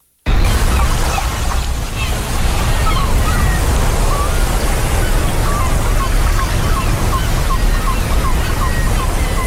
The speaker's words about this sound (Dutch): Het geluid van je jeugd. Klonk het ook een beetje zo? Ja, en dan wat ik... Dit is inderdaad het strandgeluid.